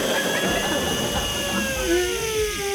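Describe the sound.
A voice imitates a hotel room hair dryer being used by a woman to straighten her hair: a steady, breathy whirring hiss and a droning whine whose pitch wavers and climbs toward the end, held at a fairly loud, even level throughout.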